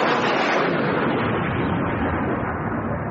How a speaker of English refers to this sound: No, just chucking it down with rain again.